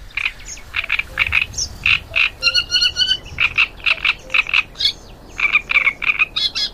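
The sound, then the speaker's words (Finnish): A great reed warbler sings a loud, harsh, croaking chatter, grating notes repeated in rhythmic bursts with a few higher whistled phrases, over a low background hum. “Seuraavaksi viikon luontoäänen Rastas Kerttusen esittelee Juha Laaksonen.”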